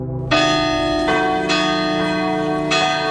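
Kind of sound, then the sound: signal or alarm, large cathedral bell ringing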